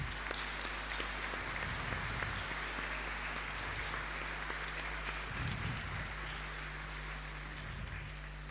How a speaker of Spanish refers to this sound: Bien, pues y todas las mamás se merecen un abrazo grande porque todas son especiales, así es que va este aplauso para todas.